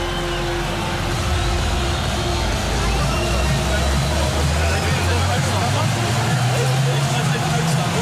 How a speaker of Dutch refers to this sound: Druppels die zo dik zijn dat het wel lijkt te hagelen.